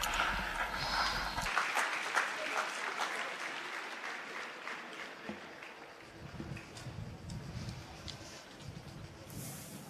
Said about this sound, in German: Lasst sie uns grüßen mit einem schönen Applaus.